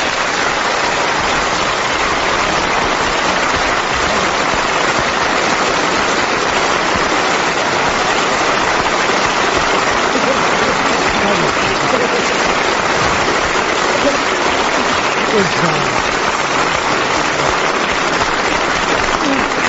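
Steady, dense applause from a crowd, a continuous wash of many hands clapping at once that stays loud and even for the full twenty seconds with no talking over it.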